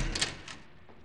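A door opens with a short, fairly soft scrape and creak, a second brief rustle following a moment later, then a quiet room tone settles in. No voices are present.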